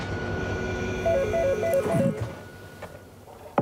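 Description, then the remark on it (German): A Nordland Railway train rumbles along the tracks at midsummer with a steady low drone and a faint high whine, while a brief run of stepped melodic tones sounds midway before the noise fades. “mit der Nordlandsbahn lässt sich jetzt Midsommer erleben.”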